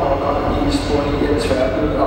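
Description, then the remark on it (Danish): A public-address announcement at a train station that a departing train has been cancelled, an amplified voice echoing over a steady wash of crowd and platform noise. “Nu skal vi lige have en lille lyd, som kan være noget så irriterende, hvis man skal ud og køre med tog.”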